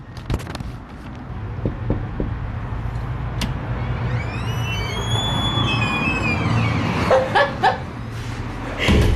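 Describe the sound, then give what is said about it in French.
An old door of a tattoo parlour creaks open with a long, high-pitched squeal that rises and then falls over about two seconds, heard over a steady low rumble, followed by a few brief clatters. “Une bonne vieille porte qui grince, puis...”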